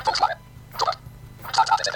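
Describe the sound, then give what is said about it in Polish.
A smartphone loudspeaker plays tinny, voice-like sound in three short bursts over a low steady hum, just after a flap of the phone's case is closed. “I już ten telefon się inaczej zachowuje. Znaczy ten głośnik się inaczej zachowuje.”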